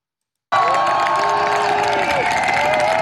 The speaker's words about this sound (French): Arrivée sous les applaudissements, grand sourire, poings levés et les pieds sur terre, même si elle a encore du mal à tenir debout, Sophie Adonneau n'a rien perdu de son énergie.